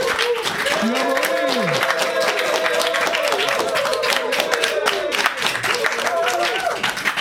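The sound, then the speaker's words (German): A live studio audience in a radio studio claps and cheers loudly for several seconds, dense steady applause with whoops and shouted voices rising over it. “Ja, liebe Hörer, ich sitze hier im Studio und zum ersten Mal habe ich Publikum vor mir, richtiges Live-Publikum. Und ich bitte jetzt dieses Publikum, sich einfach mal bemerkbar zu machen, damit die Hörer auch richtig wissen.”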